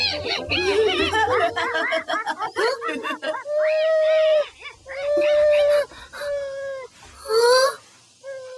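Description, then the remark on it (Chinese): A puppy whines in quick, wavering high-pitched yelps, then lets out several longer, sustained, loud howls with short pauses between them. “小狗狗，你怎么了？”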